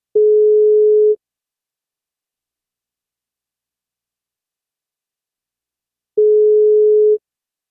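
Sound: telephone ringback tone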